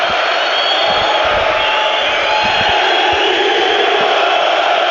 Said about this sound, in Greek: Όλο το γήπεδο έχει σηκωθεί και φωνάζει με τη Λίμπαρ.